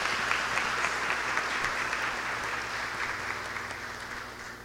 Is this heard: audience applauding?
yes